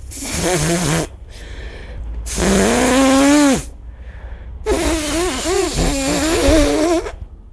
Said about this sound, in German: Nasenputzen. Ach, Nasenputzen? Ja. Soll ich das mal ausprobieren, oder was?